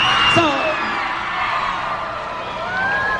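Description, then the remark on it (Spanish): A large crowd shouts and whoops continuously, with high, gliding yells rising above a dense wall of cheering voices, loud and sustained throughout. “¿No se oye el grito?”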